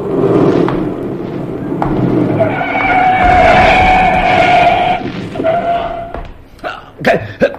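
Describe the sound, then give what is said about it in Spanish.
Car tires screech loudly in a long, rising skid over engine rumble, then the squeal cuts off abruptly as the car stops a few centimeters from Calimán on a street in Gibraltar at night, followed by a few short knocks. “El auto se detiene a escasos centímetros de Calimán”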